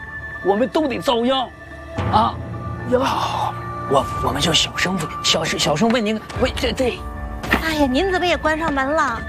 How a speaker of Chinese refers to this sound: 啊， 好，我们就小声问您，喂，这……哎呀，您怎么也关上门了？